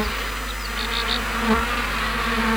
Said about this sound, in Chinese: 普通蜜蜂采不到，是黑蜂的这个蜜采蜜的那个舌头啊，它可以伸得特别长，它可以像普通黄蜂采不到的地方它可以采到，所以说就是黑蜂可以采100种花。